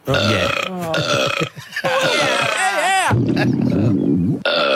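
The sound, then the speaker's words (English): A person voices a long, loud, guttural burp, sustained for several seconds, wavering and gurgling in pitch with a brief dip partway through. “Watching a grand final in Lismore, my beautiful wife and I were watching a game and there was a lady sitting next to us and then she let out this massive, massive burp. It's just one continuous guttural burp.”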